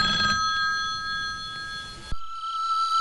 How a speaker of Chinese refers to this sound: 老家来电话了，你来接一下。